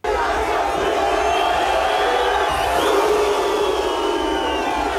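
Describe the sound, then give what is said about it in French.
A huge crowd of thousands cheers and shouts in the streets of Nairobi, Kenya, greeting the streamer Speed: a dense, unbroken roar of many voices with high whoops and yells riding on top, loud and steady for the whole five seconds. “Des milliers de personnes sont venues voir le streamer dans les rues de Nairobi.”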